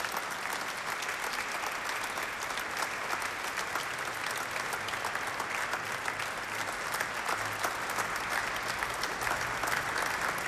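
Sustained applause from an audience for the Sestetto Febe of the Orchestra Sinfonica Nazionale della Rai, on 7 April 2024 in the Cappella Paolina of the Palazzo del Quirinale: a dense, steady wash of many hands clapping at an even loudness for about ten seconds, with no voices standing out.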